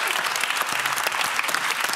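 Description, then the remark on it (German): An audience claps loudly and steadily for the physicist Max Planck, a dense wash of many hands with no pauses, sustained at even volume for the whole couple of seconds. “Da solltet ihr alle mal ganz laut klatschen.”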